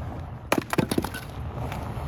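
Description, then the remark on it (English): Maple wood crackling in a fire: a quick burst of five or six sharp, dry pops within half a second, over a low steady rumble that carries on after the cracks fade. “Talk about crackle.”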